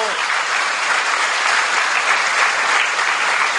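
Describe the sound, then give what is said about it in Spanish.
Sustained applause from an audience for the catechists standing up, a dense steady patter of many hands clapping at an even loudness throughout, with no voices standing out. “Démosles un aplauso.”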